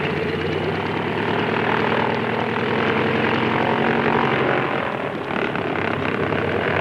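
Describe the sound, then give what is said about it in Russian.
A heavily overloaded propeller airplane roars down a soaked runway at full power for takeoff, its engine drone loud and steady with a throbbing, pulsing texture, still not airborne halfway down the runway, no voices over it. “Взлетная полоса размокла, а самолет слишком перегружен.”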